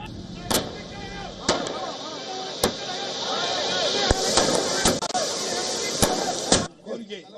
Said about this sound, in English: And outside the TVK headquarters in Chennai, the party workers and supporters are celebrating. They burst firecrackers and also raised party slogans.